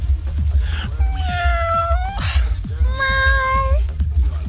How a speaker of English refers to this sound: Meow.